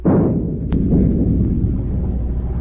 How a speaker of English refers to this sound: Stand by to open fire. Aye, aye, sir. Forward gun loaded. Fire a shot across her bow.